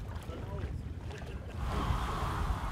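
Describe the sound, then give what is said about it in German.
A sailboat with no motor, moved only by the wind, slips through the water of the Müritz lake with a steady wash and rushing wind, the noise swelling louder halfway through as the hull picks up speed; faint voices sit low beneath it. “Hier scheinbar nicht, denn wir sind das einzige Boot ohne Motor in unserem Hafen.”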